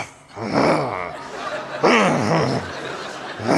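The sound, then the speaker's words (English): A single voice mimics the low, rumbling growl and murmur of an audience at a funeral, rising and falling in two or three swells with a throaty, laugh-like edge, fairly loud, with no actual words. “I start to hear this growling, this murmuring.”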